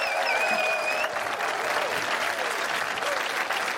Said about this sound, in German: Applaus, da ist mehr drin.